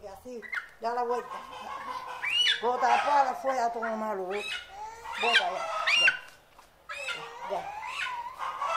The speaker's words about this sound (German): Dann nahm sie das Huhn bei den Krallen und wiederholte das Ritual.